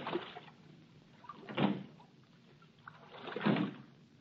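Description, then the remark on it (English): A small rowing boat with a passenger seated between two guards is rowed out of a port at night, with three soft, evenly spaced oar strokes splashing and creaking about every two seconds, fairly quiet, with no voices. “I sat in the stern sheets with a guard on each side of me in the little boat.”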